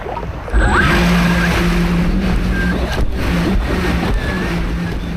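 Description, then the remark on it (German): A Dolphin 3 rescue water drone, set in knee-deep water, starts automatically and runs steadily through the surf, steered by joystick from the beach toward a person in the water, its engine droning over a constant wash of waves and wind. “Das Gerät startet automatisch, dann steuert er es mit einer Art Joystick vom Strand aus auf seinen Kollegen zu.”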